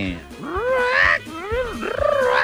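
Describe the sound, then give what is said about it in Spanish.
A parrot vocalizes loudly in three or so harsh, warbling calls that swoop up and down in pitch, each with a raspy, strained quality, and no one talks over them. “Con los loros y empezó el loro.”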